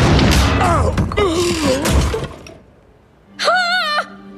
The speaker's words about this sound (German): Da knallt der Marmor-Uhu auf Labienus' Kopf.